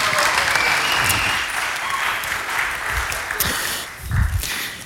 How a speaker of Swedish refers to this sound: En stor applåd till konfirmanderna. Varsågoda.